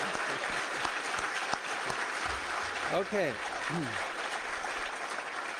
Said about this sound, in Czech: Děkuji a já tleskám vám.